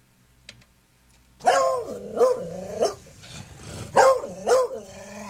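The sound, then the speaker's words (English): An Australian terrier named Sonny Corleone barks after a brief quiet moment, giving about five sharp, insistent barks with a growly, grumbling edge, in an irregular rhythm and with no one talking. “you play the bark, and I'm going to hear what my dog allegedly is saying”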